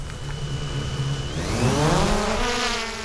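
A drone lifts off nearby, its rotors buzzing loudly and climbing in pitch as they spin up, then holding a steady, whining hum with no voices.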